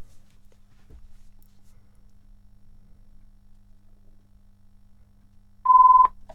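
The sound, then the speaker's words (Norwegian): After several seconds of near silence with a faint low hum, a telephone rings with one short, loud, steady electronic tone lasting about half a second near the end. “Og da ringer telefonen.”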